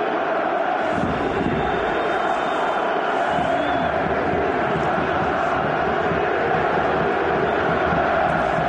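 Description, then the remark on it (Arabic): Greek fans in a packed football stadium at a match between the national teams of Greece and Germany roar continuously, a dense wall of chanting and shouting that swells and stays loud throughout, with no pauses. “صوتها يعلو الآن، صوتها يعلو أكثر، ترى بأن منتخب بأمس الحاجة لهذه الأصوات.”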